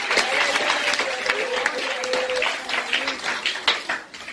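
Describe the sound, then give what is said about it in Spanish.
An audience applauds in praise to the Lord, dense, sustained clapping for several seconds, with voices and a faint tone sustained underneath the steady wash of hands. “Con ese aplauso y alabanza al Señor.”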